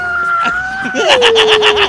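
A loud electronic siren wails on steady tones, then slides lower into a fast warbling pattern with rhythmic bright pulses over the final second.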